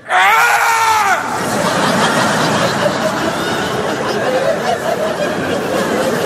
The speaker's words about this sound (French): Une fois que je me sens prêt. Prêt. Là, je crie, comme ça, je fais